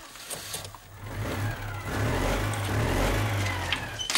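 A car engine revs up, its low growl rising steadily and staying loud for several seconds, with no one speaking.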